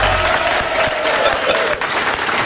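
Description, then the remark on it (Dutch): Steady, loud applause from a sizable crowd fills the whole moment, dense clapping blending into a continuous roar with a faint murmur of voices underneath. “Mag ik een applaus, alsjeblieft?”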